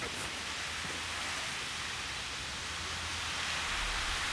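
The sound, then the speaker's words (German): Water sprays steadily from a hose nozzle, showering water buffalo on a hot day, in a continuous, even hiss that holds at the same loudness throughout, with no voices. “Und so eine Dusche ist bei der Hitze ein echter Segen.”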